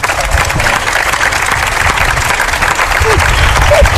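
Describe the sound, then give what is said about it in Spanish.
A crowd applauds loudly and steadily for three drag performers from Gran Canaria on the show Hora 25, a dense wash of many hands clapping at once with a few cheers mixed in, sustained for several seconds. “Un aplauso para las tres.”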